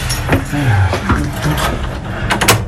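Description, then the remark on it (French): A key rattles in an old lock, followed by the creak and thud of the heavy wooden doors of the Basilica of Saint-Sernin being worked open, leading to areas not open to the public, with several sharp mechanical clicks near the end. “Tout va bien, c'est la bonne clé.”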